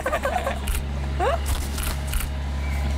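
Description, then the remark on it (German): A camera shutter clicks about three times at uneven intervals as photos are taken, short crisp snaps over a steady low background hum, with a brief rising chirp between them. “Und dann noch einmal lächeln in die Kamera.”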